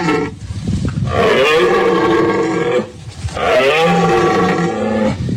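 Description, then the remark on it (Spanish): A red deer stag's rutting bellow in the Sierra de los Filabres, with the rut in its final phase: two long, loud, hoarse roars one after the other, each lasting a couple of seconds with a brief gap between them, with no other sound. “Es el sonido de la berrea del ciervo que está ya en su fase final en la Sierra de los Filabres.”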